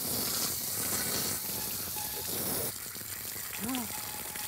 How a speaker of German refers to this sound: Ganz viel Wasser auf einmal. So, ich drehe gerade mal den Schlauch aus und versuche das dann nochmal.